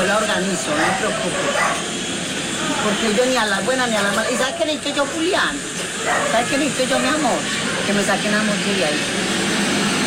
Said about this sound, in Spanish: Les resumo para que no escuchen un montón de vainas y gritos y perros.